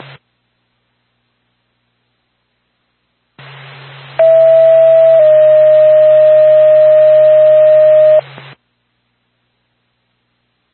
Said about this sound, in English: NORPAC to Lancaster Ambulance, stand by for tone.